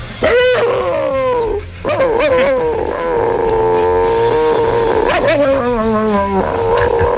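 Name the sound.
chihuahua barking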